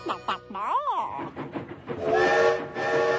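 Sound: train arriving with whistle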